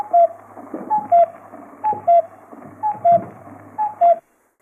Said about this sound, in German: Der Kuckuck war ein Ruf, der die Bomber angekündigt haben im Zweiten Weltkrieg.